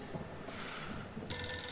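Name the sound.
telephone bell ringing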